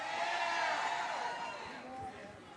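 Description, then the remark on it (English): A large crowd cheers and applauds with a dense wash of overlapping shouts and whoops, loud and sustained throughout, fading slightly toward the end, welcoming a Procter & Gamble speaker as she is introduced. “Y'all give it up”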